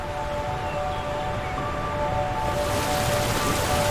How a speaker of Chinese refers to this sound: 比如你在大洋彼岸听到水声，你的感觉和这儿的水声一样吗？